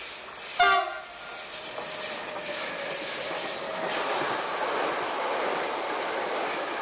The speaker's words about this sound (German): Die Züge fahren schon das zweite Mal an ihr vorbei.